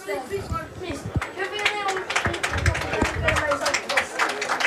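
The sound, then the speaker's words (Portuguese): Scattered applause from a small crowd of travelling Marrazes supporters in an open stadium at a football match in Benedita: irregular, moderately loud claps continuing throughout, with a man talking steadily over them. “Há um aplauso do público que viajou de Marrazes.”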